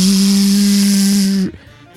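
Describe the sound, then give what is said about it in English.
A voice imitates a hand dryer in a bathroom blowing: a loud, steady droning hum mixed with a breathy rushing hiss, held for about a second and a half before cutting off abruptly. “And I went and I put my hands under that hand dryer and I just heard...”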